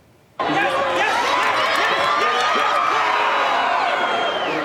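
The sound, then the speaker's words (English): A big outdoor crowd of soccer fans on Stephen Avenue in Calgary roars and cheers continuously, with whoops and overlapping shouts, erupting suddenly after a brief quiet moment and staying loud throughout, while watching Mexico defeat South Africa in a World Cup match on Thursday. “Fans filling Stephen Avenue Thursday to watch Mexico defeat South Africa”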